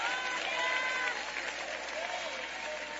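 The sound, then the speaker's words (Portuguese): An audience claps and cheers to glorify God in a steady, dense wash of applause lasting the whole stretch, with a few indistinct voices calling out within the crowd noise. “Aplaude a Ele, glorifica. Você que anda com Ele, dê glória.”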